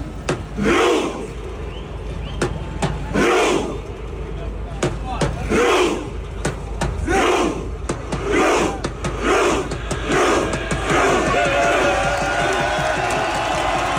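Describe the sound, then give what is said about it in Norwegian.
Norwegian football supporters chant loudly in unison in Times Square, New York, at night, rhythmic shouted bursts repeating every second or so, with sharp claps and cheering from a large crowd rising into a continuous roar toward the end. “de norske fotballsupporterne tok igjen over Times Square i New York i natt”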